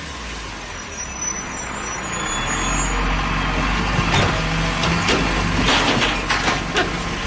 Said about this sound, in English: Garbage truck. Okay. Oh, okay. I got the sound effect.